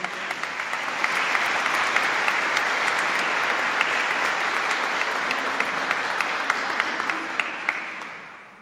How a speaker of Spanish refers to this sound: Así que les invito que con toda caridad y respeto escuchemos el testimonio de estas dos hermanas. Démosles un fuerte aplauso.